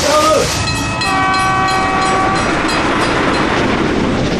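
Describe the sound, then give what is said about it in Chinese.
A train rumbles loudly along the tracks in a steady, continuous roar, with a sustained horn-like tone sounding over it early on before fading into the rolling noise. “这是历史上第一条完全靠中国人自己的力量建成的国有干线铁路，起点是北京丰台的柳村，经过西直门、清河、居庸关、八达岭、沙城、宣化至河北张家口，全线长200多千米。”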